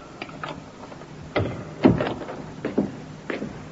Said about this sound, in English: The door, Inspector. I heard it, Sergeant.